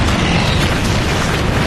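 A dense, steady roar of heavy aircraft engines, a loud low rumble layered with broad hissing noise that holds constant for under two seconds. No one speaks.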